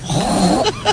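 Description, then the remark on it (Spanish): A woman on Basque regional television (ETV) imitates a pig with a loud, rough, low grunting snort, followed by two quick higher squeaky bursts, all in about a second with no other talking. “Un cerdo.”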